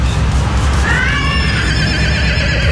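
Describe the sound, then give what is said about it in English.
A horse in a field across from an apartment lets out a loud, wavering neigh that rises and trembles for a couple of seconds against steady outdoor background noise. “So that's the girl. That's the horse.”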